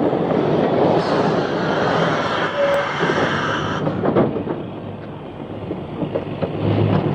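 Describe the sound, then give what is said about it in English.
A city train comes in along the line, rumbling steadily: a dense rolling roar with rhythmic clatter and a faint high squeal, growing heavier as it arrives. No one speaks. “He'll be on the next city train. I can just see it coming along the line now.”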